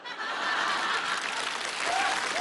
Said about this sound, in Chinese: 我看谁鼓掌的？